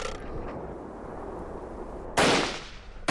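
Battle noise with gunfire and grenade blasts as the Independent Regiment opens fire along its whole line, with pre-buried explosives and thrown grenades bursting inside the Japanese formation: a steady rumbling din of fighting, then a loud explosion that slowly fades, followed by another sharp blast at the very end.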